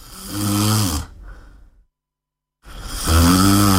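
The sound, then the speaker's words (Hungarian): Two loud, rasping snores separated by a stretch of complete silence, each a thick, rumbling breath with no talking. “Az alvászavarok láthatatlan veszélyt jelentenek. Horkolás, légzés, kimaradás, nappali fáradtság.”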